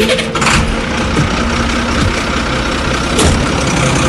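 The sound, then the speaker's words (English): A lorry with a sound system on its back, started for a carnival, turns over and starts, then settles into a loud, steady diesel idle with a low rumbling throb, with no talking. “So we start the lorry up.”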